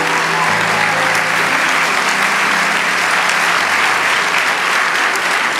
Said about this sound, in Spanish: Vamos, dale ese aplauso. Aleluya.